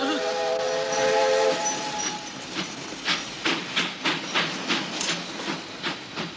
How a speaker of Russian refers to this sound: Далеко вперед уходят железнодорожные пути. Стремительно под колеса несутся рельсы. Переключаются стрелки, состав переходит с одного пути на другой.